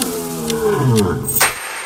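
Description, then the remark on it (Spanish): A Bengal tiger lets out a deep, rumbling roar, a single sustained growl that swells and then cuts off, with no one talking. “El tigre de Bengala es uno de los felinos más grandes y poderosos del mundo.”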